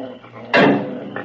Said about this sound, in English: Just then, Rusty's dog, Flip, starts to growl.